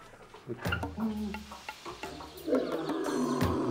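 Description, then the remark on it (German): A lion in a zoo's lion enclosure gives several deep, rumbling roars and grunts, the calls growing louder and rougher toward the end over a faint background hiss. “Im Löwengehege haben Jarrah und Sita die heiße Zeit hinter sich.”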